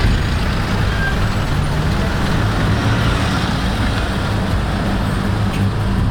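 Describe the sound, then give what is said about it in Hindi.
Dense traffic jammed on a single-lane road as tourists head back rumbles continuously, with heavy engines idling and droning in a steady, unbroken wash of low noise and no clear voices. “Single lane road है तो सारा ट्रैफिक वहाँ पे हो रहा है।”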